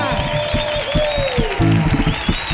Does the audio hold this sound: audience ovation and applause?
yes